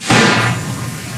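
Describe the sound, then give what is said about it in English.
A single loud splash bursts in abruptly and sprays out as a broad wash of noise, trailing off into a fizzing, watery hiss over the next second. No voices are present. “That was a splash sound.”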